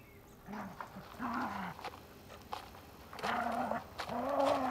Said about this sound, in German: Das ist Bobo, der Hund meiner Nachbarin, Frau Schöne.